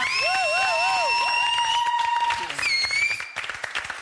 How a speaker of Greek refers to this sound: Νομίζω ότι ήρθε η ώρα να ευχαριστήσουμε και να παρουσιάσουμε την υπέροχη ερωτική μας ορχήστρα. Α, πολύ ερωτική. Έδωσε πόνο σήμερα. Ένα χειροκρότημα για την ορχήστρα μας.